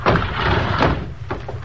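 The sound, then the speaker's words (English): A door is opened at 4 in the morning, with a few short knocks and scrapes of the latch and frame over a steady low rumble, and no one speaking. “Open the door. Okay, but be quiet, will you?”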